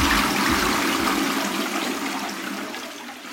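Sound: toilet flushing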